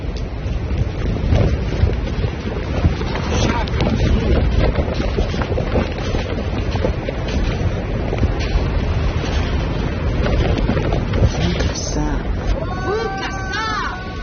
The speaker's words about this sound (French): Sur ce plateau tibétain balayé par le vent, aux pentes rocailleuses